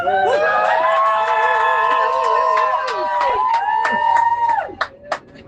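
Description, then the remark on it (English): A small group of Saints rugby fans on a coach, stuck on the M25 on the way to Twickenham, cheers and whoops loudly together, sustained shouting and high-pitched calls that tail off into a few final bursts of whooping. “Believe it or not, there's not many of us, but they're very loud, and we're stuck on the M25, making our way to Twickenham, and making the most.”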